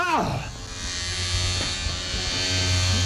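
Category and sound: household object, electric razor buzzing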